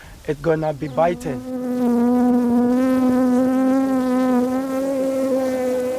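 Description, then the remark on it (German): Bees buzz around a hive in a steady, loud, continuous drone that holds one pitch for several seconds, following a brief, choppier burst of sound at the very start. “Sie erkennen den Geruch und wissen, dass dort Bienen sind.”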